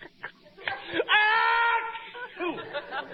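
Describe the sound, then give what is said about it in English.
An exaggerated, comic sneeze by Costello: a few short vocal gasps build into a loud, drawn-out, tonal wail lasting nearly a second, followed by a quieter sliding vocal sound. “Did you hear Costello sneeze?”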